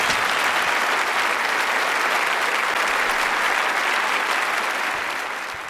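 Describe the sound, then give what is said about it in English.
Sustained audience applause after a performance with the Sydney Symphony Orchestra. A dense, steady patter of many hands clapping at an even loudness throughout, tapering slightly at the very end. No voices stand out. “I wasn't expecting the applause, but it was well deserved.”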